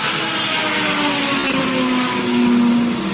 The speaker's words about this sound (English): Engine fires up and off and away Toby goes once again.